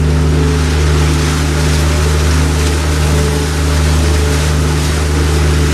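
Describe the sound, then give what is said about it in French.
A tour boat's engine drones steadily on the Seine in Paris, a loud low rumble with a humming tone and a wash of water noise that swells slightly as it moves along; it is the boat behind, being let pass. “je pense que c'est le bateau derrière qui est en train de nous rattraper gentiment”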